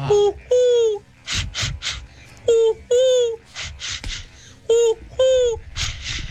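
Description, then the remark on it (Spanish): A person's voice imitates a dove and ducks, alternating short falling coo-like calls with bursts of harsh, nasal quacking, repeated several times and fairly loud, with no ordinary talking. “la palomita la muerte y unos patos.”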